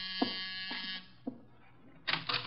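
A doorbell buzzer sounds twice as a visitor arrives at the door: a harsh, raspy drone lasting about a second, then a shorter burst after a pause. A few soft knocks punctuate the gap, and nobody speaks.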